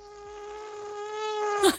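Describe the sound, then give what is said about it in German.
A person imitates an elephant with a thin, steady, high-pitched drone that sounds more like a whining mosquito, held for nearly two seconds before rising into a brief squeak at the end. “Ihr Elefant klingt nämlich so ein bisschen nach einer Mücke, finde ich.”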